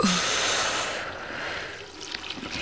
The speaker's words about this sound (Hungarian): Kinyitom a csapot, hogy apa hallja a csobogást.